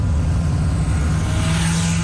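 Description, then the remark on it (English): A loud, throaty modified vehicle engine rumbles steadily on 17th Avenue in Calgary, its deep growl holding a constant roar for a couple of seconds with no voices. “they'll be targeting the drivers of noisy modified vehicles in a clampdown called Operation Silent Night”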